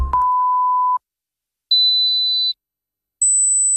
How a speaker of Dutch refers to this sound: Hoor u geen drie piepjes zojuist?